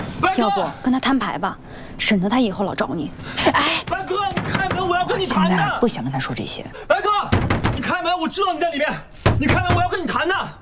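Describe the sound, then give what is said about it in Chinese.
A fist pounds on a door in scattered, heavy thuds as someone demands it be opened, partly buried under loud, agitated voices talking throughout. “你怎么敢砸门了？”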